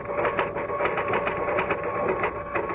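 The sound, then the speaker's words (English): Steady typing on a typewriter, with keys clacking in a quick, slightly uneven rhythm over a continuous low machine hum, moderately loud with no voices. “I stayed away from the typewriter, but when I blew my last fiver, I sat down and started to type again.”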